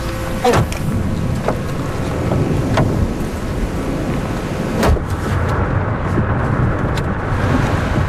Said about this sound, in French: Bon, on est vraiment au cœur de l'orage. Hein. Ouais. Là, il y a la pluie, le vent...